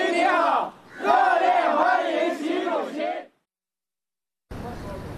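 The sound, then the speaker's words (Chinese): A large crowd of local overseas Chinese and Chinese company representatives, waving Chinese and Indian flags, cheers and shouts loudly in unison for about three seconds to welcome Xi Jinping as he travels by car from the airport to his hotel in India; after a brief silence, a burst of rough, noisy outdoor ambience follows. “习近平乘车从机场赴下榻饭店途中，当地华侨华人和中资企业代表挥舞中印两国国旗，热烈欢迎习近平到访。”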